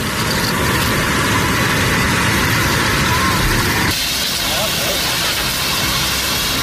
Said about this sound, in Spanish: Es el sonido de las tareas de extinción en la zona cero de la tragedia. Más de 500 efectivos siguen a esta hora intentando apagar el incendio originado en Los Gallardos, en Almería, y que ha calcinado ya más de 6.500 hectáreas.